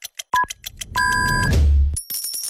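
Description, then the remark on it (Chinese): Radio hourly time-signal beeps on Henan Economic Radio FM 103.2, sponsored by Jinxing Chinese craft beer and marking 1 o'clock Beijing time: a short electronic pip followed by a longer, steady tone, sounding over rumbling background noise and scattered clicks, with no one talking. “用好茶酿好酒，金星中式精酿啤酒为您准点报时。”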